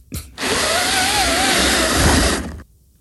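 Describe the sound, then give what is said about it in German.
One of five new pleated blinds fitted to a window pane is pulled up in one steady, continuous motion, giving a loud whirring rasp that lasts about two seconds with a slight wavering pitch, preceded by a brief click. “Das ist eines von meinen 5 neuen Plissé-Rollos, die ich an die Fensterscheibe gemacht habe. Und ich ziehe es nach oben.”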